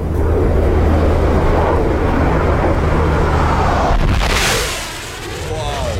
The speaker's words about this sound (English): That is a super hornet. They're doing some practice runs at 12:30 today. 12:30, they'll go over Brisbane, but you'll see them here as well.